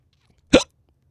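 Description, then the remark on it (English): A single sharp hiccup, fairly loud, a quick vocal catch that cuts off abruptly in an otherwise quiet moment. “Now I smell bananas and I have hiccups.”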